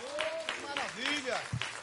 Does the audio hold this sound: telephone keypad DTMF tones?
no